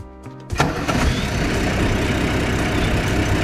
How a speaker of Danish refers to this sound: Ja, det var jo ikke en elbil, der blev startet der. Det var det ikke. Nej, det var det ikke. Det lugtede noget, der sagde rund og dufter lidt. Og en stor motor. Ja, en meget stor motor.